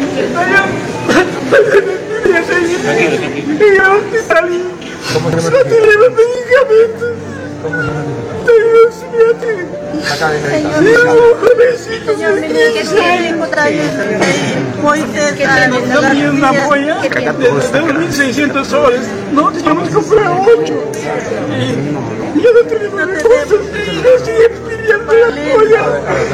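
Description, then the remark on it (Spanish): A father sobs and cries out loudly in front of the health minister at a hospital in Huánuco, while a dense crowd of relatives murmurs and chatters around him, several voices overlapping throughout. “Padre rompe el llanto frente al ministro de salud en el hospital.”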